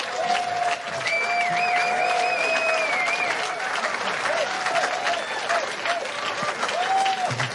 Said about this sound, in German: Bitte einen Applaus für Kirsten Fuchs.